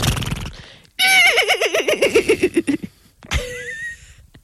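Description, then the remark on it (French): A person imitates a horse's neigh during a horse-imitation contest, with a loud, wavering whinny that trembles downward for nearly two seconds, followed by a second, shorter squealing whinny, with brief breathy vocal sounds before it. “Après, il faut que je fasse le cheval pendant 45 minutes.”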